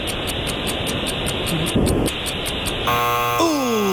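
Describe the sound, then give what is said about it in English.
A game show buzzer in a trivia quiz blares loudly near the end, a harsh sustained buzz that slides downward in pitch, following a few seconds of steady hissing, pulsing noise. No one speaks. “The buzzer, and it is a 1-2-3-4 tie.”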